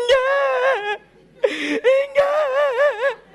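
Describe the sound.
A voice mimics a newborn's cry in three wavering, high-pitched wails with short breaks between them, loud, the last one quavering up and down.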